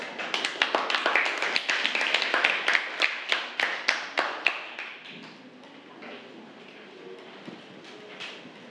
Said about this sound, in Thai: ขอเสียงปรบมือด้วยค่ะ